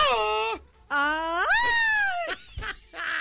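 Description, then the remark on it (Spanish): A voice lets out forced, drawn-out scream-like wails: a steady high cry, then a longer one that climbs in pitch and slides down, followed by short fading yelps. “Te tragas el grito, sácalo.”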